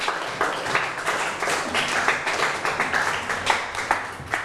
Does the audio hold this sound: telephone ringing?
no